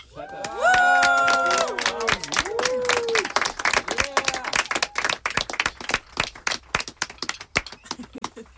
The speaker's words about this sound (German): Einmal bitte Applaus.